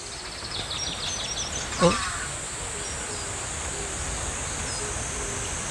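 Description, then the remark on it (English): Several birds chirp faintly over a steady outdoor hiss, with one brief, louder call standing out near the start. “여기 이렇게 멋진 곳이 온갖 새소리가 다 들리는 방구대 너무 이뻐요.”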